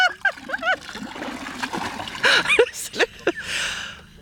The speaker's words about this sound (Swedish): Jag tar ett öskar och så häller jag ner här nu.